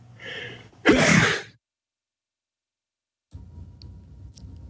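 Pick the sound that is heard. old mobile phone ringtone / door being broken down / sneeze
sneeze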